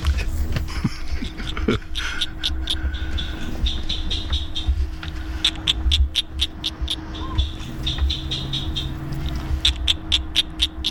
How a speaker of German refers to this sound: Ein Vogel. Falsch. Es ist ein Frosch. Wow.